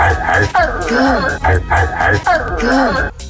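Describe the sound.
A man's voice sings a rhythmic, repeating vocal line with bark-like accents, imitating a dog barking over a steady beat with low thumping bass pulses.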